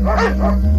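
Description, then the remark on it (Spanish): Two quick dog barks in a row, loud, over a steady low hum in the background. “hacia donde ladraban los perros.”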